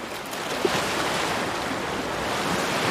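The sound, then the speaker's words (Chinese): Ocean surf breaks against a rocky shore in a steady, loud, hissing roar that barely rises or falls over the few seconds, with no voices and no other sounds. “海浪袭来时，它们能紧紧地抓住岩石，为了美食冒点风险总是值得的。”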